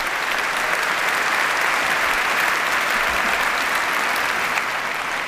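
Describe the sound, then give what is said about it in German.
Steady, dense applause from a large audience for the WDR Symphony Orchestra, many hands clapping together at an even level for several seconds without a break, with no voices standing out. “Und ja, es ist, und das ist auch ein Applaus wert.”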